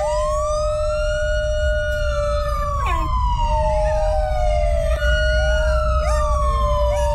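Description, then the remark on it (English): A loud police siren wails, its rising and falling tone overlapping with a second steady siren, all over a constant low rumble of engine and traffic noise. “The doggies howl with the police sirens.”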